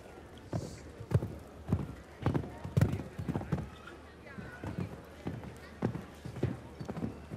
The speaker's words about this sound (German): Der gebürtige Bayouvare, jetzt mit Lady Concern de Residal. Pferd mit hoher, also schneller Galoppfrequenz.